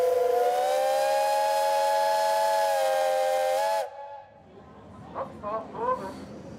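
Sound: paddle steamer steam whistle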